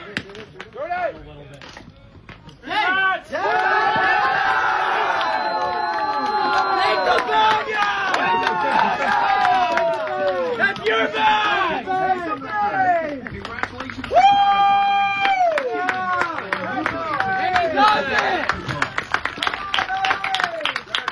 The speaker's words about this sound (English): Big round of applause from his teammates and some of the fans in attendance as well. You heard one of the fellas say, pick the bag up.